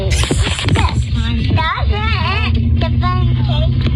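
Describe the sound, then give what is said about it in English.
Steady low engine and road rumble from inside a moving car driven by a mother fills the whole recording, with a young child's voice babbling and squealing loudly over it; the baby is holding the phone. “Like, you can hear mom driving the car.”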